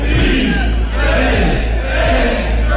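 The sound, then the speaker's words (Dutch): A large crowd of walkers roars and cheers continuously at night at the start of the Nijmegen Four Days Marches (Nijmeegse Vierdaagse) in Nijmegen, with over 45,000 walkers taking part. It is a dense wash of many voices shouting together at a steady, loud level without pause. “Ja, zo klonk dat afgelopen nacht in Nijmegen.”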